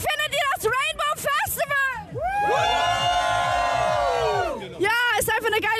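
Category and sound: crowd, festival crowd cheering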